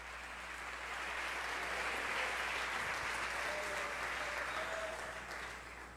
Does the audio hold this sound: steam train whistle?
no